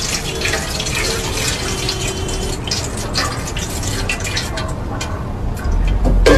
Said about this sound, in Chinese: 谢雨石和杨立青在一边清洗身上的汤汤水水。